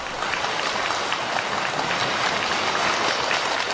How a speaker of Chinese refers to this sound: 谢谢大家的掌声鼓励、啊、 感谢您的热情